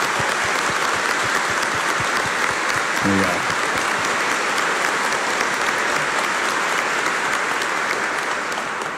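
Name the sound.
audience applauding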